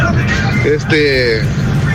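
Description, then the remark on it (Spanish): Steady low road rumble from inside a moving vehicle passing the Apopa underpass in a heavy traffic jam after a crash between a car and a microbus, with traffic noise around it and a man talking over it through most of the stretch. “Aquí pasando el desnivel de Apopa. Y hay una gran trabazón, viejo.”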